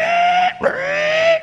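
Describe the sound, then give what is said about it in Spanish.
A person imitates a pig, making two loud, drawn-out nasal squeals separated by a brief snorting break, with no other talking. “Siente el puerco.”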